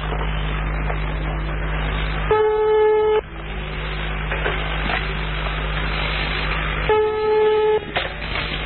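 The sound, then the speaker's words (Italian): Two steady, buzzy telephone call tones, each lasting about a second with a pause of several seconds between, played back from an old audio tape titled Superferro, over a constant low hum and muffled tape hiss. “Una telefonata, ma non si capisce che cazzo è.”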